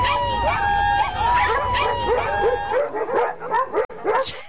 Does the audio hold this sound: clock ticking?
no